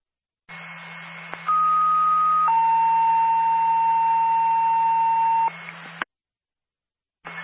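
A radio dispatch alert tone from Lincoln Base for Linwood Ambulance. A steady higher beep steps down to a second, then a long sustained lower tone plays over a hum-filled radio carrier, cutting off abruptly, followed by static.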